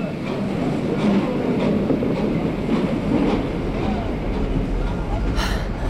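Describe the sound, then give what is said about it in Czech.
A sleeper train to London rolls steadily along the rails, its wheels clattering in a continuous rumbling rhythm, heard from inside a carriage, with a brief high hiss near the end. “Ve vlaku? To je nádhera”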